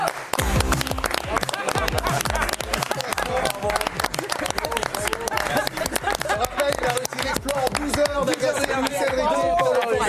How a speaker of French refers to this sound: Messieurs, dames, applaudissez.